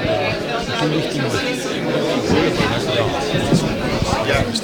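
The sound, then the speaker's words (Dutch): A large crowd murmurs and chatters steadily as the audience files into a concert hall while the musicians stand on stage, many overlapping voices blending into a continuous, moderately loud hubbub with no single speaker standing out. “Het publiek stroomt er binnen en de muzikanten staan nu op het podium, dus die gaan zo dadelijk beginnen.”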